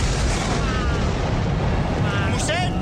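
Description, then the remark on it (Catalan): A second lightning strike lands directly on a church with a loud, sustained thunderous crash, a dense roaring rumble heavy in the low end that holds steady for about three seconds, with faint voices underneath. “Un segon llamp cau directament sobre l'església.”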